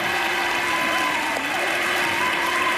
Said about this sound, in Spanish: Estáis aplaudiendo. Aplaudís a un muchacho que hace el intermitente.